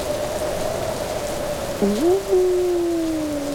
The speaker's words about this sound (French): Le vent se lève. Il souffle de plus en plus fort.